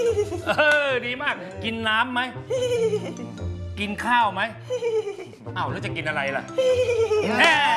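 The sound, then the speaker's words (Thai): A person's voice repeatedly imitates a horse's whinny, as Si Mok, the horse from Khun Chang Khun Phaen, with wavering, rising and falling neighs and laughing bursts, loud throughout. “ฉันว่าแกสมัครเป็นม้าสีหมอกดีกว่าว่ะไหนลองสิ”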